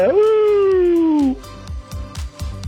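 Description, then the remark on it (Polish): A single drawn-out wolf howl in a voice message, loud, slowly falling in pitch for over a second, followed by a steady rhythmic thumping beat. “Hał, hał, hał, hał, wilko wyje.”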